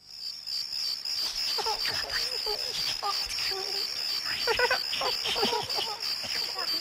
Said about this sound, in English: So you hear the crickets?